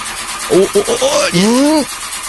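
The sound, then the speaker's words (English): A voice imitates a car engine cranking and failing to catch, with a few short stuttering bursts followed by a longer rising, sputtering whine, fairly loud. “So do you want to maybe start up the car?”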